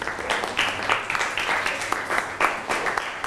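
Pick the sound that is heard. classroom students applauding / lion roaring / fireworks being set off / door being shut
classroom students applauding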